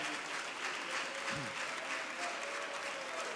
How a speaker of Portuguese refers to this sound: Quem louva a Deus por este momento, diga glória a Deus. Aleluia, pode aplaudir ao Senhor.